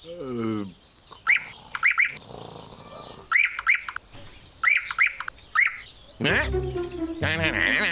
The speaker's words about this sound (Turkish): Hala bir şey eksik. Bahar ayında gelirdi hep. Bülbül. Sen de geldiğine göre rahat bir uyku çekebilirim.